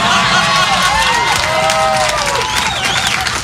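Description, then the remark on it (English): A live audience bursts into loud, sustained applause mixed with whoops and cheers, filling the room steadily for a few seconds with no one speaking. “That is so wrong to applaud.”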